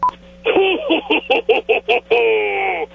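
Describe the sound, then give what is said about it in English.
A rapid series of about seven short electronic telephone keypad beeps, evenly spaced, followed by a longer sustained tone, all clear over a faint steady hum, as a first-time caller dials in to The Soper and Brown Show on 97.7 Hits FM. “He finally picked up the phone to call the machine.”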